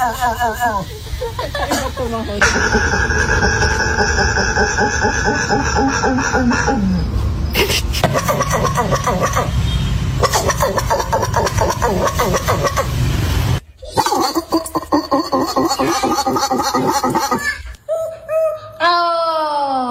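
Several puppies bark and yelp in hoarse, raspy bursts that sputter like an engine failing to start, overlapping loudly with only brief pauses.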